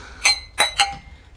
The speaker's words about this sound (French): La présidente verse 3 verres de vin. Merci. En tend un à chacun. Je trinque à votre bonheur. À nos bonheurs.